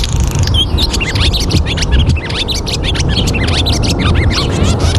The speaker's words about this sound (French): L'hirondelle qui annonce le printemps, enfin pas toujours, mais l'hirondelle rustique que je propose d'écouter, enregistrée par Tom Stewart.